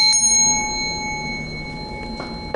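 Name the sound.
small bell ringing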